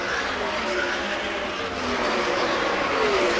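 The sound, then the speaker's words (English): A steady, loud roar of race car engines sweeping through turn four on a racetrack during a race, with high engine whines rising and falling as the cars go by over a constant blur of noise. “And all the cars have gone safely through four, then that battle headed already to one.”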